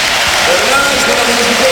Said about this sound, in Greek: Εισπράττει σαφώς το χειροκρότημα.